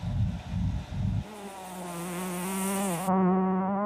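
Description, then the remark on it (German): A fly buzzes steadily with a droning, slightly wavering hum, preceded by a few low, muffled thumping pulses. No voices are heard. “Unsere Fliege ist allen Gefahren entronnen.”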